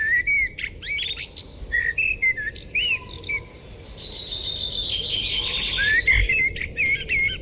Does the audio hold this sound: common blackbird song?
yes